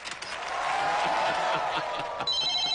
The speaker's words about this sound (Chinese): 呀，这咋还来电话了呢？